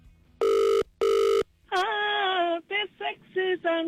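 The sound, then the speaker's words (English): A double ring of an outgoing phone call, two short steady buzzing tones through the earpiece, cut off as a voice comes on the line, apparently singing in a bright, wavering tone. “You just got to answer your phone.”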